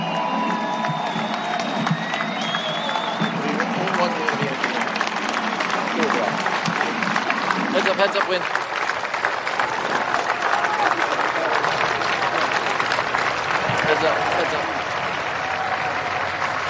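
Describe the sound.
A large crowd applauds and cheers loudly and steadily after remarks by former President Barack Obama, with whoops and shouts rising from the dense clapping, while a few voices call out briefly.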